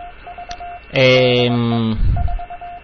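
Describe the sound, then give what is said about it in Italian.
A steady radio beacon tone keys out short, unchanging Morse code beeps, interrupted midway by a loud, buzzy harmonic burst with static before the beeping pattern returns; the beacon transmits continuously at a set power for radio-propagation studies. “ma qui il codice morte, il codice morse è sempre uguale, e questo in realtà è un radiofaro.”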